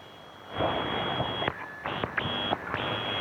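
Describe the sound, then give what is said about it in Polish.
Radio static surges in and cuts off abruptly several times as a receiver is tuned, the squelch muting the weak signal between bursts, with faint whistling tones and no voices. “Tak, rzeczywiście taki squelch, czyli wyciszenie tych sygnałów, jeżeli są zbyt słabe.”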